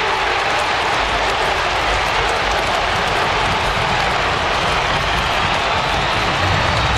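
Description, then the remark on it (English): An Australian football stadium crowd roars after a goal puts the Magpies in front of North Melbourne at the 27-minute mark of the last quarter. The cheering forms a dense, steady wall that holds loud and unbroken for about seven seconds, with no distinct voices standing out. “The crowd will tell the tale.”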